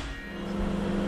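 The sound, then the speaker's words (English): A microwave oven hums as it runs, a steady low buzz with a grainy, crackling noise layered on top that swells slightly louder midway through. No voices are heard. “And as soon as the microwave starts, you can hear it scrambling the signal.”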